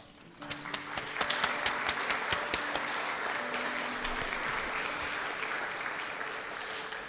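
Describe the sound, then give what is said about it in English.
A crowd at an art competition award event claps steadily for second-place winner Anzu Sekikawa, the applause swelling quickly after a quiet start and holding at a full, even level with dense overlapping hand claps until the end. “Anzu unfortunately cannot make it, but thank you again, and another round of applause for Anzu.”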